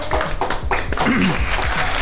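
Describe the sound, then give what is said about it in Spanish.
A few people clap to congratulate a DJ guest, a quick irregular patter of hand claps, while a voice speaks over the clapping. “Oye, pues muchas felicidades, un aplauso”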